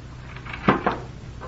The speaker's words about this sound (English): You better put those jewels away in your cupboard and close the secret door.